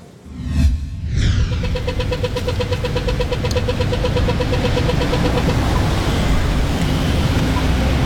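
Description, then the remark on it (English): Busy city-centre street traffic with car engines rumbling steadily, a vehicle revving up at the start and a continuous roar of passing cars and idling motors throughout. “Beneath the traffic lies a network of walkways built for pedestrians.”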